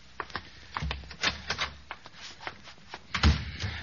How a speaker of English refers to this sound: I know. I'll go in the closet here, and I'll close the door and turn on the light there.